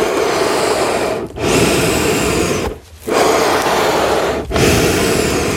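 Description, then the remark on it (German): Accordion bellows moving air with no notes sounding: a loud, steady breathy rush in long strokes, broken by three brief dips as the bellows change direction. “Okay, kannst du es einmal für uns atmen lassen?”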